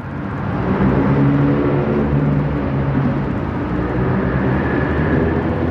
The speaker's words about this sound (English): Normally that noise from that traffic would have probably been overwhelming. I didn't even pay attention to it.